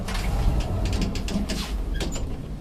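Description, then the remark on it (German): A lift riding up to the roof of a building hums steadily with a low mechanical drone, while its sliding doors rattle and clunk through a string of short knocks and scrapes, moderately loud, with no talking. “Wir fahren mit dem Lift aufs Dach.”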